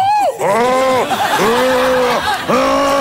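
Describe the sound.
A voice imitates a stomach gurgling underwater while swimming, with loud, warbling, bleat-like groans that rise and dip in pitch, in about four drawn-out bursts with brief breaks between them.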